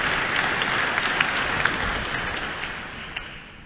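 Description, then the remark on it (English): Steady audience applause at the 2026 Michael Hill International Violin Competition in Auckland Town Hall, greeting the competition's executive director, with dense, crackling claps filling the whole clip, holding fairly loud before gradually tapering off toward the end, with no voices over it. “And that applause for Executive Director of the competition”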